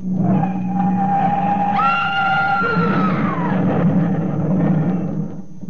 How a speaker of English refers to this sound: What happened? That car, see? Into the pillar!